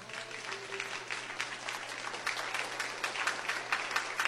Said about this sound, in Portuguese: Amém e amém, Jesus. Palmas para Jesus.